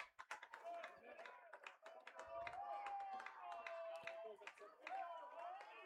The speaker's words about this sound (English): Well, the recent offensive activity has the fans cheering in the lower bowl again.